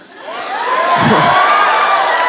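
An audience bursts into loud cheering and whooping over a wash of clapping, swelling quickly and holding steady for about two seconds with no one speaking.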